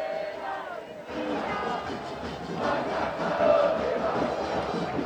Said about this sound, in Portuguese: A torcida não para, hein? Vamos ouvir um pouquinho, ó.